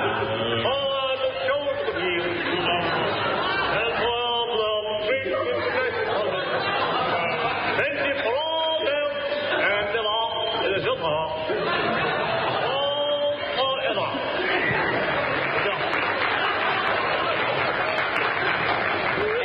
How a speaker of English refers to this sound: The crowd lashed into a frenzy by the power of his...